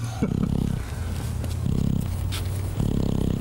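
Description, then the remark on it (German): A man snoring with a low rumble in three slow, regular breaths, each a rough buzzing drone lasting under a second, with no talking. “Hier hört man, wie er schnarcht.”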